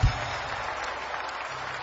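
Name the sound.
audience applauding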